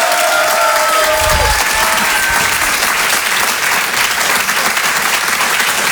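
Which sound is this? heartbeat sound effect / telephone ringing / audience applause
audience applause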